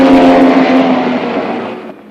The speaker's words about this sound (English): Then the gorilla in the silver convertible speeds past him again.